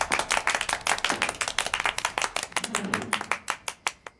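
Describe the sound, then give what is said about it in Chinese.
A meeting audience applauds to welcome comrades of the second and fourth surface-to-air missile battalions, a steady, moderately loud patter of many hands thinning into a few scattered claps before it fades out. “这掌声不那么热烈吧？”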